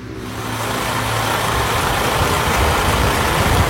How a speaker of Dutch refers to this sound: Dan komt de bus aan in Ter Apel. Ook 6 mensen met grote koffers stappen uit.